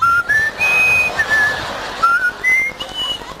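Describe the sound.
Someone whistles a short, bright melody of sustained tones that step up and down in pitch, mimicking a flute tune, with no talking over it.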